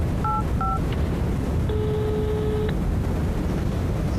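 Two quick telephone keypad beeps sound in succession as someone dials a business contact, followed by a longer steady electronic tone, all over a constant loud hiss of background noise.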